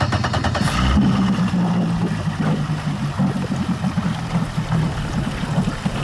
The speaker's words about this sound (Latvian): lai ar pašvaldības policijas laivu izbraukātu ezeru un pārbaudītu makšķerniekus.